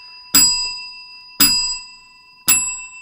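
A bell is struck three times at a steady pace, about a second apart, each bright metallic ring clanging out loudly and fading away before the next strike.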